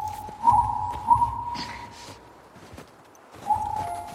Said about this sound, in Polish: Jest i koń.